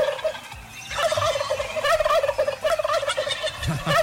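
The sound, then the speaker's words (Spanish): A turkey gobbling sound effect: a rapid, warbling burst, repeated across several seconds with a loud, rattling quality and no talking over it. “Oye, faltó colocarle el pavo al gobernador y.”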